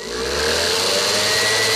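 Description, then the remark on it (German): An electric kitchen mixer whirs steadily while mixing pancake batter of eggs and flour, a loud continuous motor hum with a buzzing whine that rises slightly in pitch as it spins up. No one speaks. “Mixen mit dem Mixer.”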